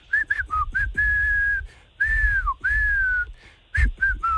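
A person whistles a pop song melody, with short choppy notes at first and then longer sustained pitches in clear, loud phrases separated by brief pauses.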